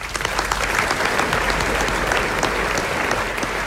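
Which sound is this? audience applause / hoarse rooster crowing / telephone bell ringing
audience applause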